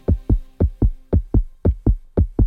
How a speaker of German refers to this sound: Hör mal dieses Herzklopfen.